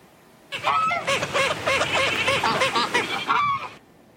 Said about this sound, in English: That is Buddy the waterfowl having a quacking good time with a whole flock of feathered friends. The Cayuga duck showed up at a man-made lake in southeast Edmonton about 3 months ago.